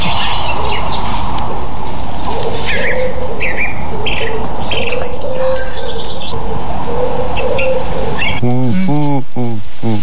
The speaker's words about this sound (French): C'est le pigeon. Le pigeon ramier, ouais. Donc le pigeon ramier.